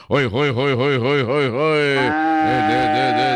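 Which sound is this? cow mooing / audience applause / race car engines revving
cow mooing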